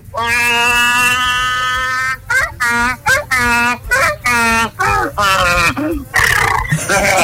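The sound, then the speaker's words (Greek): A man loudly imitates a donkey's bray: a long drawn-out honk followed by a rapid run of rhythmic hee-haw bursts, vocal, ending in a rougher wheeze. “Και κάνε και το γάιδαρο”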